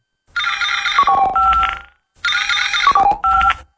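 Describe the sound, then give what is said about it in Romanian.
An electronic ringtone plays twice in quick succession as a call is connected to Maiamanul Zamax, each burst a bright warbling trill of stacked tones with a short pause between, loud with no voices. “Zi-mi tot, fă-ne legătura cu maiamanul Zamax.”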